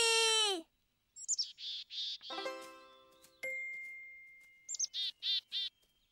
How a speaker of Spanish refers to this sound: Cada especie canta de una forma particular. ¡Arcuí! ¡Arcuí! Así canta el mirlo. Lo hace de la misma manera. ¿Lo oyen? ¡Arcuí!